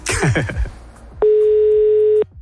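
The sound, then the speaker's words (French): A single loud, steady ringback tone on an outgoing phone call to someone in Nantes, France, lasts about a second, following a brief burst of muffled, warbling sound at the start. “Trois sonneries.”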